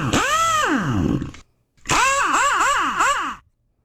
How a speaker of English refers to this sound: That's them building a car. Oh, that's what that is. I thought it was NASCAR. That's an impact wrench right there.